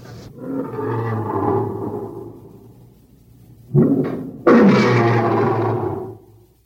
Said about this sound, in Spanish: Sí, claro. Son los leones que rugen en el vivarium del anfiteatro. Debieron llegar hoy desde África. Ayer no estaban ahí.